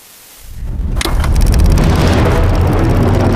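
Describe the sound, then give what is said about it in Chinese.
The engines of two Japanese Navy Type 1 twin-engine land-based bombers on the runway of the east airfield at the Japanese base at Rabaul swell from near silence into a loud, steady roar with deep rumbling low end, holding constant as if revving before takeoff. No voices. “与此同时，日军腊包尔基地东机场跑道上，两架日本海军一式双发陆基轰炸机马达轰鸣待发升空。”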